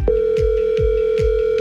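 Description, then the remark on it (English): A telephone ringing on a morning call placed by radio station CHFI for its Cash Call contest, heard as a steady mid-pitched tone that holds throughout, with a rhythmic low thumping pulse repeating about every half second beneath it. No one speaks. “You know the drill, four rings to pick up.”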